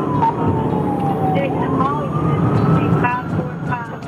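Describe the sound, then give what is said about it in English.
A police car's siren, recorded on its dash cam during a high-speed chase, wails steadily, its pitch sliding down and then climbing again, over a loud, continuous rumble of engine and road noise from the fast-moving car. “This is the dash cam video from one of the police cars, and you may recognize it.”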